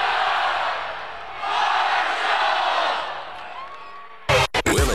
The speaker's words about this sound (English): The Thunder Walk, the tailgates, the roar of the crowd, 30,000 strong cheering on the thundering herd, and it's almost game day.